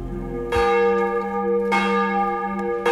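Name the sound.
church bells ringing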